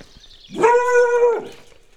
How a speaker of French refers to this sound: Il n'y a pas de sonnette, donc je vais faire le tour. Bon, le chien fera office de sonnette.